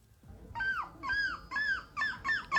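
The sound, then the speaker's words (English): A 9-year-old child, winner of a seagull screeching contest, imitates a seagull's screech: about six shrill, wavering cries that bend downward, coming faster toward the end, loud with no other talking. “This is the 9-year-old winner of the seagull screeching contest, okay?”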